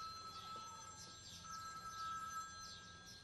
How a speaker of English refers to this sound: Is that someone's phone ringing? Oh, yes. I think it is. I think it's coming from your bag